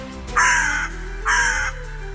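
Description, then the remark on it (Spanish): Two loud, prolonged raven croaks, each about half a second long and separated by a short pause, harsh and hoarse against a quiet background with no talking. “Para terminar, escucharemos el sonido característico del cuervo, un gran nido grave y prolongado que puede variar según la situación, además de otros sonidos como silbidos o imitaciones de otros animales.”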